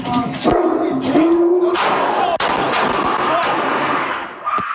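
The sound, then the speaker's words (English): A huge dog named Jameson barks loudly and sharply several times at uneven intervals in LAPD body camera footage as officers approach an apartment, each bark a hard, abrupt burst, with a busy, noisy background between them. “Is the dog put away? Sorry, he's not aggressive. Oh, he's huge.”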